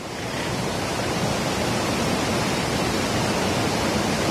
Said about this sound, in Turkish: Dere taştı, ev ve iş yerlerini o bölgede su bastı.